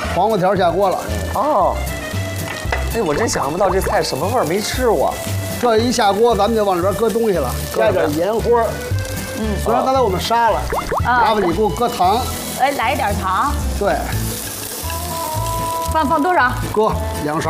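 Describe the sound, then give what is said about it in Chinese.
Carrot strips stir-fry in hot oil in a wok after Sichuan peppercorns and dried chilies, with a steady, bright sizzle that runs for the whole stretch, while voices talk continuously over the frying. “等料下锅一爆出香，啊，这个时候您把这胡萝卜条先下锅，嗯，啊，这个一定要多煸煸，煸透的，啊，它才香好吃， 明白？”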